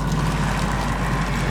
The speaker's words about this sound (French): J'entends que à droite. Un bruit de l'eau, hein. Comme une cascade.